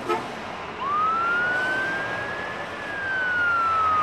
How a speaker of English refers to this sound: It had constant fire trucks and ambulances and police. In fact, we were right across the street from a firehouse. So literally constantly sirens going.